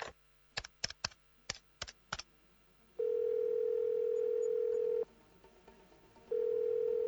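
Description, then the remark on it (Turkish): A quick run of about seven sharp clicks like phone keys being pressed as someone phones a friend to check whether she got home, then a loud, steady ringing tone that sounds for two seconds, pauses, and sounds again with no answer. No one speaks. “Bari bir telefon açayım, bakayım geldi mi?”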